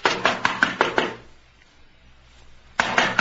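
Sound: knocking on a door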